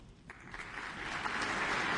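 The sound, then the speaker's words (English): Applause from a large audience in a concert hall for soprano Madeline Pierrard and the conductor fills the space, a dense wash of clapping that swells gradually and stays steady without any voices. “Applause for soprano Madeline Pierrard and conductor Jim”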